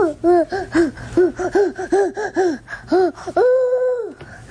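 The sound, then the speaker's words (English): A 1.5-year-old boy, obsessed with owls, imitates an owl at home when asked what an owl says, rapidly repeating short arching hoots in quick bursts, then finishing with one long, steady, held hoot. “Here's some audio of what it constantly sounds like in our home. What does an owl say?”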